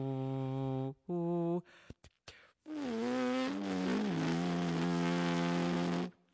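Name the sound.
humming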